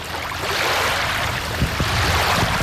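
A steady, rushing hiss of air being pumped into an inflatable paddleboard, continuous and fairly loud and close, with a few soft low thuds near the end and no voices.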